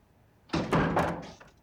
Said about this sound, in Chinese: 呀，有人敲门。